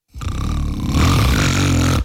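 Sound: loud snoring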